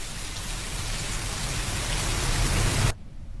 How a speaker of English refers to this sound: Rain. Yeah, correct.